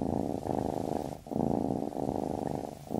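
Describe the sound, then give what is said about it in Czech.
A cat purrs steadily on its own, a low rumbling buzz that swells and eases in a repeating rhythm with each breath, with brief dips between cycles. “Nové tepelné čerpadlo Vitokal 200 AIE je tak tiché, že neprobudí ani mourka.”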